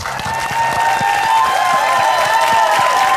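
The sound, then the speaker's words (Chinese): Steady, loud applause from a studio audience for the guests from various clubs present in the studio, dense clapping with a faint crowd murmur and some background music tones underneath, no talking. “另外呢，还有我们现场来自各个俱乐部的朋友们，同样把掌声送给他们。”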